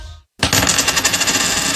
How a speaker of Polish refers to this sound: Remont czy wakacje? Rzućmy monetą.